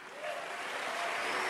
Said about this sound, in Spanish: Un aplauso por los papás.